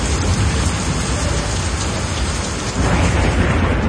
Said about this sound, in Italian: Piove, senti come piove, Madonna come piove, senti come viene giù.